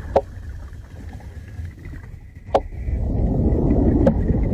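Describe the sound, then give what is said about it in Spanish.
Three sharp, isolated clicks from a seahorse in a Posidonia seagrass meadow, made by knocking together two special skull bones, spaced a second or two apart, snap out over a steady low underwater rumble that swells toward the end. “En las praderas de Posidonia resuenan los caballitos de mar, a base de hacer entrechocar dos huesos especiales del cráneo.”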